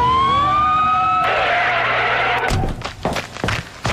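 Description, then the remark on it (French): A police patrol car siren wails loudly, its steady rising tone ringing out before giving way to a rushing roar and a few choppy, clattering bursts, as the car responds to a report of suspicious activity at the Dépanneur du lac convenience store. “Voiture de patrouille, on nous signale une activité suspecte au dépanneur du lac.”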